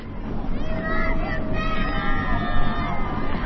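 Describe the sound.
A crowd murmurs and chatters steadily outdoors, many overlapping voices blending into a continuous hubbub, with a low rumble underneath and a few raised voices rising above the din.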